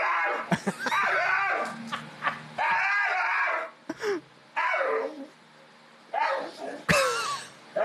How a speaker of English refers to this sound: The other dog's calm as can be. I've never heard a dog make that noise before. Yeah. So excited. It's almost like he's trying to have a conversation with him.